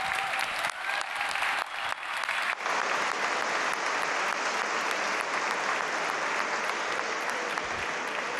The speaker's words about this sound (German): Das heißt, egal ob heute hier nur nominiert oder wenn ihr mit einer Auszeichnung rausgeht, lassen Sie uns starten diesen Abend mit einem riesigen Applaus bitte für all diejenigen, die heute hier nominiert sind.